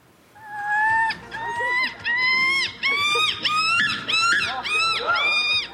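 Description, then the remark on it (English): Human voices imitate a screaming gull, letting out about six loud, shrill squawks in quick succession, each rising and falling in pitch. “Why, these people are doing their best impressions of a screaming gull.”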